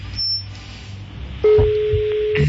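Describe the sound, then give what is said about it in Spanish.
A phone line tone plays while calling a tattoo artist's phone: a short high beep at the start, then a steady electronic calling tone sets in midway and holds, with faint line noise underneath and no voices. “Está sonando. Está sonando el teléfono del tatuador.”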